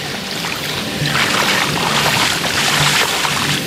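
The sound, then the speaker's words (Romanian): A boat moves steadily through shallow water on the Danube near Zimnicea, Romania, where the riverbed has largely dried up. A continuous rush and hiss of water runs against the hull, with a low engine rumble underneath. No one speaks. “Cu barca, pe uscat.”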